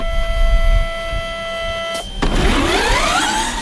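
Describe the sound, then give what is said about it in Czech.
The driverless E-Force Prague student electric formula race car, built by students, whines past on a winding test track marked with blue cones on the left and yellow cones on the right. Its steady high-pitched motor tone breaks off briefly, then rises and falls in sweeping pitches as it accelerates through turns, loud. “Studentská elektrická formule E-Force Prague projíždí klikatou zkušební trať vymezenou barevnými kužely.”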